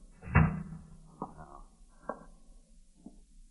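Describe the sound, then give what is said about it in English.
A door swings shut with a solid thud, followed by three softer knocks or steps spaced about a second apart in otherwise quiet surroundings. “Let me close the door.”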